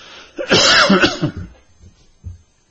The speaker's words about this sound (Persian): باز امروز ما سرفه‌مون گرفته، اصلا نمیدونم، به هر صورت دیگه یه روز بالاست یه روز پایین.